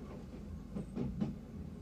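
A train rolls along the rails under a low, steady rumble, with three evenly spaced clacks of wheels over rail joints rising briefly above the noise. No voices.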